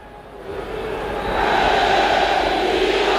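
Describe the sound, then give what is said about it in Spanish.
The football crowd at the UDA Stadium roars in a dense, sustained wall of noise that swells louder over the first second and a half, then holds steady at full volume with no talk over it. “Ese es el grito de los nuestros.”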